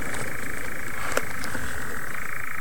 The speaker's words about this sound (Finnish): Ja jälleen sammakko. Kuuletko ton? Kyllä, kuulen. On se komean kuulosta toi viitä sammakon soiden ääni.